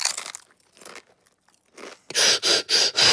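Crunching on a freshly baked bread chip just taken from the oven: a few soft bites, then a run of four loud, bright crunches in a steady chewing rhythm, with no voices.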